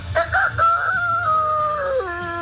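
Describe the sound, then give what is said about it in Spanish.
A person imitates a rooster's crow in one long, strained, wavering call that trails off into a howl-like, dog-ish tone at the end, loud with no other talk. “Imitar como gallo.”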